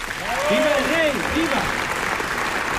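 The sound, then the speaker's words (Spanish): A sustained, dense ovation for Alfonso XIII from a large crowd in the packed Palacio de las Cortes after he swears the oath to the Constitution fills the whole clip as a steady wash of clapping, with a man's voice speaking over it briefly near the start. “Ovación cerrada para Alfonso XIII en este Palacio de las Cortes, lleno hasta la bandera.”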